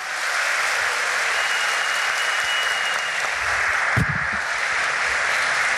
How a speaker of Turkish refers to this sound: Buzdan olabildiğince kuvvetli bir alkış rica edebilir miyiz?